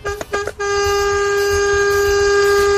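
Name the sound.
truck air horn honking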